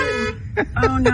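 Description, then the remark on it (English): A car horn blares in a steady blast, then gives a few short, irregular honks as five bears inside the car bump it, with people talking. “Yeah, they're bumping the horn while they're in there.”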